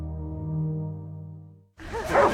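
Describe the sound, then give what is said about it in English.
A steady low droning tone holds for a moment, then cuts out and a dog barks in a quick, lively burst of yips, moderately loud. “Ah, that sound takes me back to being a kid, when we took our family dog, Rocky, to the beach for the first time.”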